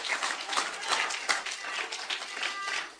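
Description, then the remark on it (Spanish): An audience applauds the Lord during an evening church service, a dense crackle of many hands clapping at once, moderately loud and sustained for the whole stretch without letting up. “Un aplauso al Señor en esta linda noche.”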